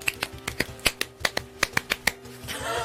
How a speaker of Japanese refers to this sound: めっちゃ難しくないですか。 いや難しいですよ、 最後の4個の拍手。 まあそうです、大変ですもん。 めっちゃ早いですよ、 はい、そうです、みんな一生懸命やるんですそう、手つりそうになりながらやるんです。